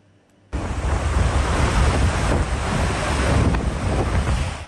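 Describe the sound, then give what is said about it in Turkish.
A loud, steady roar of rushing floodwater from the Deliçay stream overflowing after heavy rain in Dörtyol district, Hatay, Turkey, kicks in abruptly after a brief quiet moment and surges on without pause, a dense churning wash with some wind buffeting. “Hatay'da şiddetli yağış sele yol açtı. Dört Yol ilçesinden geçen Deliçay taştı, araçlar suya kapıldı.”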